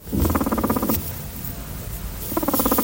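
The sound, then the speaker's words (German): Low, vibrating rumble from an unhappy guinea pig, coming in two bursts of rapid pulsing with a quieter, noisy stretch between them; no one speaks. “Das dritte Geräusch ist es, denn das ist das Gurren von Meerschweinchen und das machen sie, wenn sie unzufrieden sind.”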